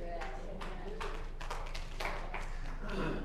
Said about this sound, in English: Few hand claps.